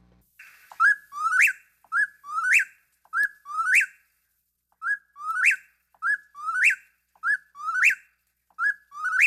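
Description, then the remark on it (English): A whippoorwill sings its three-part whistled phrase over and over in a steady rhythm, about ten repetitions, loud and clear against a quiet night background with no talking. “Let's hear a whippoorwill.”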